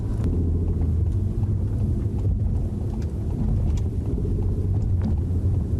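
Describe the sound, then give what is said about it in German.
A steady low rumble of a car driving on a city road along a roughly 4.5-kilometre route with 11 traffic lights, heard from inside the vehicle as continuous engine and road noise, fairly loud and unbroken, with no talking. “Wir befinden uns auf dem Weg zu einem Dreh und auf dieser knapp 4,5 Kilometer langen Strecke befinden sich 11 Ampeln”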